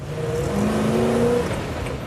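A Range Rover SUV engine revs steadily for about two seconds, a low droning growl with rising and falling harmonic tones layered over a constant rumble. No one speaks.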